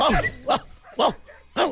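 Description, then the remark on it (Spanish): A person mimics how a dog named Costeño would bark, letting out three loud barks spaced about half a second apart, after a brief whiny, whimper-like vocal sound. “¿Cómo ladrará el perro Costeño?”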